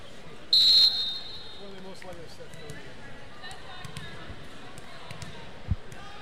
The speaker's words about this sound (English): Got a few whistles. Looks like she went early.